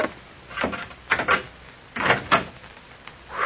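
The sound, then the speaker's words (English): A door is opened with a few rough, scraping creaks and rattles in quick bursts, moderately loud, with no voices. “This is the door, I think.”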